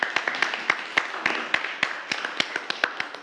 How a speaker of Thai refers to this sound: โอเคปรบมือให้เพื่อนด้วยครับนักเรียน